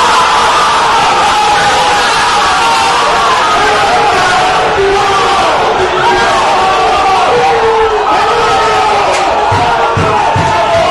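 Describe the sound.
About nine staff in the AS newspaper newsroom shout and cheer in celebration of a championship, voices overlapping in a loud, continuous roar of yells and whoops with excited chatter throughout, rising and falling for about eleven seconds.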